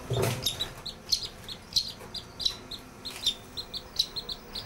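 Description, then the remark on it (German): High, thin chirps from a duckling, probably a mandarin duck, repeat in a quick, steady series of short peeps, with a soft rustle at the start and faint background noise throughout. “Das ist wahrscheinlich eine Mandarinente.”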